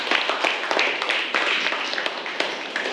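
A class of students in a Thai lesson claps together for a student who answered a question, in a dense, steady patter of many overlapping hand claps, moderately loud, lasting a few seconds.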